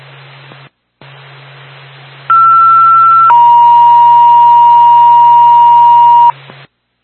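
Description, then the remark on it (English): A two-tone ambulance dispatch pager alert, the second tone for Bethlehem Ambulance, over radio static: a steady higher tone holds for about a second, then drops to a lower tone sustained for about three seconds before cutting off. “Houston State, that's on the ambulance, second tone.”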